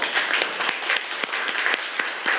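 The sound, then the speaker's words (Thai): A class of children applauding a classmate together at the teacher's request, a dense, steady patter of many hands clapping with a few sharper individual claps standing out, moderately loud and with no talking over it. “ชอบในส่วนของมังกรปรบมือให้เพื่อนหน่อยครับ”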